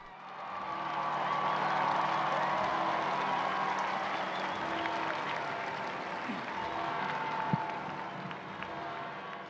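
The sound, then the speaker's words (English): A large, enthusiastic crowd applauds and cheers steadily to welcome the Holy Father as he appears, a dense wash of clapping with scattered shouts that swells early and holds for several seconds before easing slightly. “We join this enthusiastic crowd to welcome the Holy Father.”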